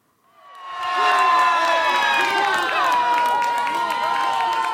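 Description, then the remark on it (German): Football fans in Urca, a neighbourhood below Sugarloaf Mountain in Rio de Janeiro, erupt into loud, sustained screaming and cheering after Brazil's 1:0 goal against Haiti at the World Cup, rising quickly and holding at full intensity with many overlapping shrill voices and whoops. “Für Renate und Cynthia ist es ein Schrei voller Erlösung. Das 1:0 gegen Haiti wird in Urca”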